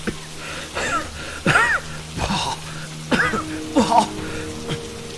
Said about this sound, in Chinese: 幼春压抑不住咳嗽